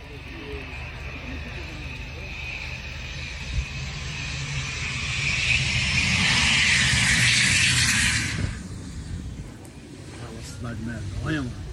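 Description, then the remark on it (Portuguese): A loud engine drone from a singer's airplane landing at Parelhas, in the Seridó region of Rio Grande do Norte, Brazil, in the early hours of Sunday, builds steadily to a roaring peak, then cuts off abruptly, leaving a lower rumbling hum; voices murmur faintly beneath the engine noise. “Mas, enfim, esse caso mostra também uma imagem gravada, o avião dele.”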